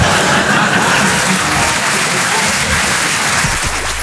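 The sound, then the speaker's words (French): Steady audience applause fills the whole four seconds, a loud, dense wash of many hands clapping at an even level with no voices standing out. “Non, n'applaudis pas.”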